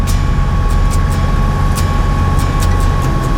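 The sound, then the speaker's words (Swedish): A steady, loud low rumble of a Land Rover Defender's engine and tyres as it drives a narrow, winding road up and down small steep hills, heard from inside, with faint intermittent rattles and ticks over the drone. “Det är nu ett svepskäl egentligen, man kommer nog upp med en Toyota Yaris också här, men det är kivogare att köra med en Land Rover Defender.”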